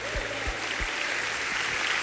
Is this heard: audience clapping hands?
yes